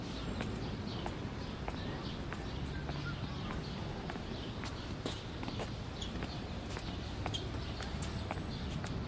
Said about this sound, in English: Try to walk to the sound of my footsteps so that we can stay together.